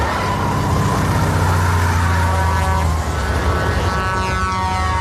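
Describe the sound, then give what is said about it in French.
A tanker truck engine from Steven Spielberg's film Duel, chasing a motorist on the roads of California, roars loudly and steadily, its deep droning rumble holding throughout with a slight rise in pitch. “Steven Spielberg a 28 ans, il s'est fait remarquer avec un téléfilm virtuose et angoissant, Duel, l'histoire d'un automobiliste pourchassé par un camion-citerne sur les routes de Californie.”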